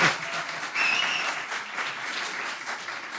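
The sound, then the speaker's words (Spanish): An audience bursts into applause as a poet is introduced on stage to read, a dense steady wash of many hands clapping at moderate volume, with a faint high whistle-like tone briefly above it. “Ahórrense los aplausos desmedidos que le incomodan.”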